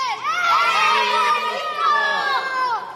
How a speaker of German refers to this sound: Und dafür üben die Kids schon mal die Welle, La Ola, die übrigens durch die Weltmeisterschaft 1986 weltweite Berühmtheit erlangt hat.